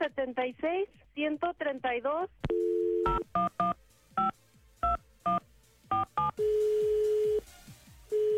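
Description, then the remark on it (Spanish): A voice speaks briefly, then a steady dial tone gives way to roughly eight crisp touch-tone beeps as a telephone number is dialed at an uneven pace to call a caller's father, followed by a long, level tone over faint hiss. “Quería ver si le podías marcar a mi papá”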